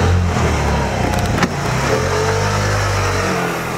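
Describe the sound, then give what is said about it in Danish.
A small white Vespa motor scooter engine revs loudly, its steady droning note shifting in pitch as it pulls away, with no voices present. “Han kommer ind i forklædning og ser, om han ikke kan få Rosina med på sin hvide Vespa tilbage til Spanien.”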